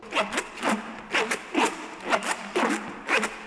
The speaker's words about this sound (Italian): Non abbiamo solo cose grandi, abbiamo anche oggetti piccoli, come questi piccoli oggetti, li chiamiamo ranocchie, perché fanno un suono simile al verso di una rana.